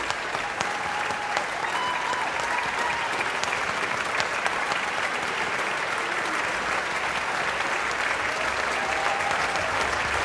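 Sustained applause from a large audience fills the whole stretch, a dense, steady wash of many hands clapping at even loudness, with faint whistle-like tones drifting in now and then.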